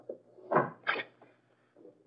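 A study door opens with two quick, muffled thumps and a soft creak of wood, followed by a faint rustle and near silence.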